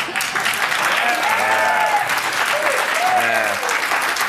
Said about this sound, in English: They're applauding her. They're not applauding you.